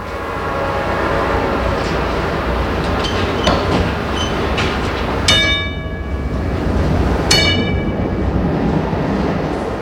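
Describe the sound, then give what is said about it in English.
A Pittsburgh trolley car rumbles steadily along the rails while the conductor rings its bell twice, two bright clanging strikes about two seconds apart rising over the low, continuous clatter. “Ask the conductor if he can ring his bell a few extra times for you.”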